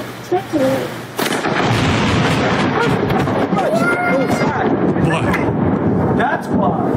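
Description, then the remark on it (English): A sudden, deafening thunder clap from a lightning strike during a thunderstorm bursts in after a quiet moment, then rolls on as a loud, sustained rumble with voices faintly mixed in underneath, recorded on a Ring camera. “a thunderstorm. Okay. This is from like a Ring camera. So the audio is a bit crap, but you'll hear what happens.”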